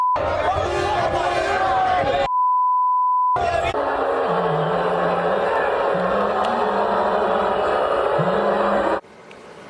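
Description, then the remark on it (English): A loud street crowd in New York City roars and chants in reaction to Donald Trump, cut briefly by a flat electronic bleep, then long, overlapping car horn blasts honk repeatedly through the din of the city. “I've never heard so much beeping as I did watching local news and the game last night.”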